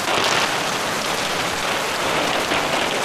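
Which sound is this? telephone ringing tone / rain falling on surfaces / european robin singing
rain falling on surfaces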